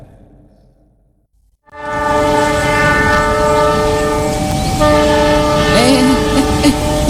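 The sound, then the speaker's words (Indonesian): A train passing a level crossing with a motorbike on it: its horn blasts suddenly after a quiet rumble and holds as a loud, sustained harmonic chord, with a heavy rolling rumble of the passing train underneath. “Ada motor di perlintasan, kok keretanya nggak berhenti sih?”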